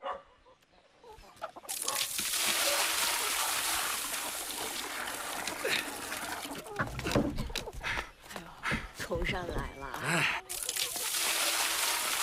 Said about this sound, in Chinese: 上来了，哎，倒水了是吧？哎，缸里还有呢。